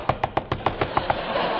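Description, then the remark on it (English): A quick, evenly paced series of about eight knocks on the door of Lil's hideout, moderately loud, with no voices, then a short stretch of quiet room tone. “I knocked on the door.”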